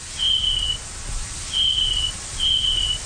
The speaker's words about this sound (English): So in adult snapping turtles, we detected four different distinct call types. The first call is a kind of chirping sound. It almost sounds like a cricket.